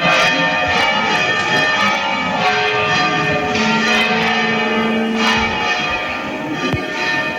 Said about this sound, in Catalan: I clar, les campanes.